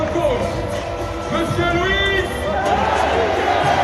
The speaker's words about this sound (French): Chaudement applaudi par …, venu en tribune Borelli avec son fils Enzo.